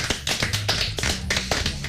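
A crowd claps steadily, many hands striking in a dense, continuous patter of sharp, bright slaps, fairly close and loud throughout, with no voices heard.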